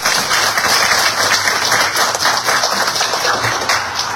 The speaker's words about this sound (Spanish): Continuando con el bloque de exposiciones, invitamos ahora al senador Humberto Morales, quien va a tocar el tema El Escudo de las Américas y el nuevo escenario geopolítico regional. Un fuerte aplauso, por favor, para el senador.